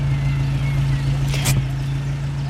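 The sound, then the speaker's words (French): A car engine hums low and steady as the car slows to a stop and parks in front of a house, with a short hiss of air or brakes midway. “Patrick ralentit. Il garde sa voiture devant la maison et reste un instant assis au volant.”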